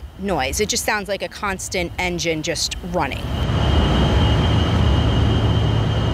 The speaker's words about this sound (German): Und wenn es besonders heiß ist, springen Dieselgeneratoren an. Zusätzlich, sagt die Mutter der Jungs. Der Lärm, Sie hören ihn, so ein heulendes, hohes Geräusch, wie ein Flugzeug, wie ein Motor, der immer läuft.